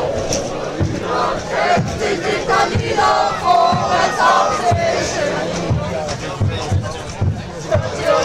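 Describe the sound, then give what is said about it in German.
A large crowd of football fans sings fan chants together at a match involving Halle, in a steady, rolling roar that fills the whole recording, with a brief spoken voice cutting in over the din. “Singen ja, Fangesänge, hörst du es?”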